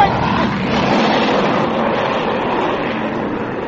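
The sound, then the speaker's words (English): A freighter plane's engine drones loudly and steadily overhead, a dense, continuous roar that holds nearly constant in volume for the whole stretch without fading in or out. “Sounds like a plane of some kind.”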